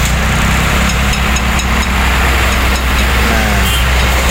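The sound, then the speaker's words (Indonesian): Steady, loud road traffic on Majen Sungkono, where a concrete mixer truck with a flat tire has stopped. A heavy truck engine rumbles low and continuous, with a constant hiss of passing vehicles over it and no clear voices. “Ini ada beberapa informasi, contohnya dari Kandit Lantas Polsek Kedung Kandang Ibda Hatta, yang menginformasikan tentang di Majen Sungkono truk molen yang bannya bocor tadi kawan. Nah ini ada videonya.”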